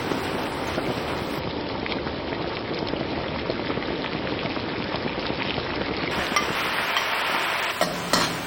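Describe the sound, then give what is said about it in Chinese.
Steady bubbling and sizzling as pan-fried mandarin fish (stinky mandarin fish) simmers in a pot with diced garlic, a little dried chili and freshly ground local water chili, a dense crackling texture that holds at an even level for the whole stretch with no voices. “把煎好的鱼放进来”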